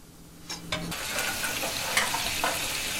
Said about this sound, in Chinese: 煮过的羊排继续用小火慢煎